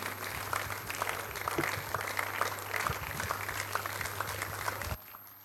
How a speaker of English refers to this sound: Can we please put our hands together for Jesus this morning? Rise on our feet and celebrate him more. Let's keep clapping for this Jesus.